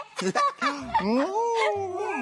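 A dog whimpers and yips: a few quick high yelps at first, then drawn-out whining cries that slide up and down in pitch, fairly loud and continuous.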